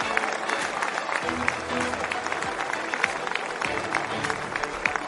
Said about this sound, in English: Warm applause for the two Toyotas, and of course a big cheer for the Ferraris.